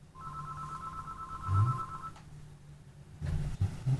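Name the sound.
telephone call ringing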